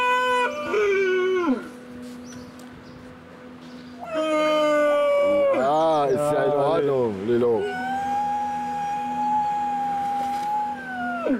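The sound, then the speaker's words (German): Baby seals (Heuler) howling in stress: several drawn-out, wavering wails that overlap and bend up and down in pitch, loud, with short gaps between the cries and a long, steady final call. “Die Heuler werden Robben. Ja. Die Robbenbabys.”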